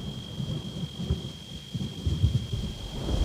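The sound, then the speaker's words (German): Low, rolling thunder rumbles continuously through a storm at a mountain pass, swelling in waves with steady rain hiss underneath and a faint high electronic tone running throughout. No voices. “Ich hoffe, sie führt uns jetzt nicht in ein Unwetter. Das kann doch auch gefährlich werden.”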